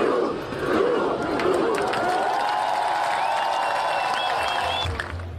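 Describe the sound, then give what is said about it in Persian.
A huge crowd of over 100,000 people with flags, filling the square in front of the Royal Palace in Oslo, Norway, to welcome Norway's national football team, roars and cheers in a dense, sustained wall of sound, with scattered shouts and high whistles rising through the din, holding steady loudness for several seconds. “بیش از 100,000 نفر میدان مقابل کاخ را پر کردند با پرچم‌های در دست و فریادهایی که تلخی شکست مقابل انگلستان را برای واکینگ‌ها از یاد می‌برد.”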